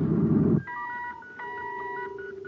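Spacophone signal beeps relayed from the squadron's patrol ships to Commander Corey: after a brief low rumble, electronic beeps play in steady tone pairs, bright and sustained, with short gaps between them, resembling telephone dial tones.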